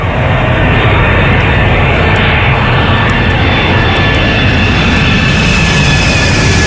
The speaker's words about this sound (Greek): Το αεροπλάνο, το ακούτε, προσγειώνεται σε αεροδιάδρομο.